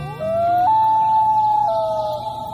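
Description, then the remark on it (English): A loon gives a long, mournful wail: a clear tone that slides upward, jumps to a higher held note, then steps back down near the end, loud over faint background hiss. “Loons are built for life in the water.”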